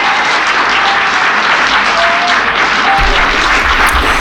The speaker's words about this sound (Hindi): तो तालियों की गूंज में उन्हें खुश आमदीद, वेलकम जी, एनू सत बिस्मिल्ला कहेंगे।